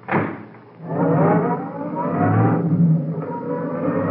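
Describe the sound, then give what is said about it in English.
A roadster's engine bursts to life, revs up with a rising growl, and pulls away, its steady loud drone continuing. No one speaks. “Come on, get in the car.”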